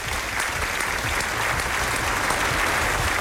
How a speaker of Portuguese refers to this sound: aqui uma salva de palmas.